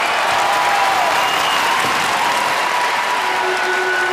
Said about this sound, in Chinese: 掌声有请！ 有请。